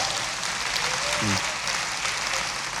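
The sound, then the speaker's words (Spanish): An audience claps steadily during a sermon, a dense wash of applause holding at an even level for a few seconds, with a brief voice faintly audible through it. “Yo sabía que usted iba a aplaudir. ¿Y cómo no aplaudir semejante experiencia?”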